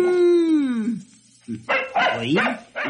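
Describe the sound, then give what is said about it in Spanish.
A dog growls: a long, drawn-out whining tone slides downward, then after a short pause come several rough, snarling growl bursts in quick succession. “Oílo como gruñe. Solo siente y gruñe.”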